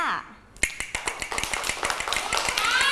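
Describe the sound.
A hand clapper clacks out a steady run of sharp, bright taps at an even, fairly quick pace, each click crisp and dry, with a faint background hum and a voice briefly at the start.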